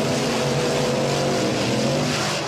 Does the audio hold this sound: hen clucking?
no